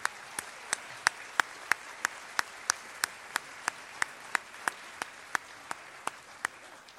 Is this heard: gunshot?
no